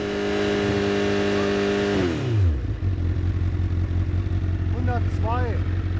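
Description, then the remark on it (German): A car engine revved to 6000 rpm for a police noise-level measurement at a speed checkpoint holds a loud, steady high-rev whine for about two seconds, then the pitch sinks quickly as it drops back to a low, rumbling idle, with a couple of faint chirpy sounds near the end. “Und dann pegeln Sie mal 6000 Umdrehungen ein.”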